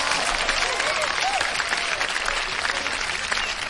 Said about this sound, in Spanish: Un aplauso bien grandote.